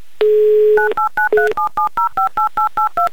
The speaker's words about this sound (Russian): Номер телефона мы уже набрали.